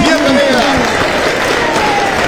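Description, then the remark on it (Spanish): Loud, steady applause from a studio audience welcoming a psychologist guest on a 91.5 FM show, dense applause filling the whole stretch, with a voice briefly audible over the clapping. “que la recibimos con un fuerte aplauso.”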